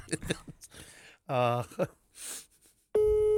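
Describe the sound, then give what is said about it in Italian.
Brief voices and vocal sounds give way to a loud, steady telephone line tone that cuts in abruptly and holds one unbroken buzzing pitch to the end. “Vedi? Telefonata.”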